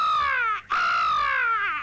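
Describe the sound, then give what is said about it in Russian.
Two loud, drawn-out caws from a crow in its nest, the first cut off by a brief pause before the second, longer and slightly falling call, with no one talking. “Ворона в гнезде.”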